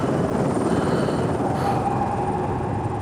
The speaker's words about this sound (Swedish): Helikoptern cirklade över godset.